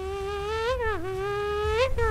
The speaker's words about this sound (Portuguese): Calor, você querendo dormir o pernilongo lá de madrugada.